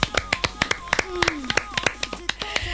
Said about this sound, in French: Vous pouvez vous applaudir quand même.